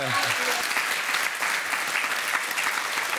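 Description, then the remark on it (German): Steady audience applause, a dense wash of many hands clapping at even loudness throughout, with a brief voice fading in the opening moment. “Da gibt's Applaus.”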